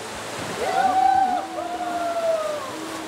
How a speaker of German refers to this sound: So ein kleiner, süßer, schöner Fluss bei uns im Umkreis, wo man halt einfach super viel machen kann. Also ich liebe an der Leine das Rauschen des Wassers, dieser Ton, dieser Klang.